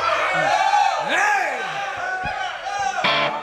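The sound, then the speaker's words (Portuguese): An audience cheers and shouts loudly after the performer asks them to make noise, with overlapping whoops and rising yells filling the space, a dense burst of audience noise. “É legal que com esse monte de luz aqui bem na linha da minha cara, eu não vejo quantas pessoas tem na plateia. Se eles fizerem barulho, eu acredito.”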